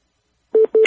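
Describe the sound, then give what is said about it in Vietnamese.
A telephone ringing tone sounds as two short, loud electronic beeps in quick succession, clear, with a brighter, higher tone joining at the end and no talking. “Cái điện thoại của anh nữa.”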